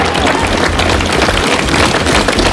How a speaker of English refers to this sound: Well, there was massive applause given to the outgoing PM by a packed Downing Street full of advisers and friends.